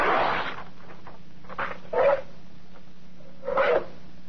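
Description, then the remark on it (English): Brown wrapping paper being cut up in a few separate rasping, crinkly strokes, moderately loud, with short pauses between them and no talking; the paper is to be used for making copies on a Xerox 914 copier. “To prove the point, I'll cut up some brown wrapping paper.”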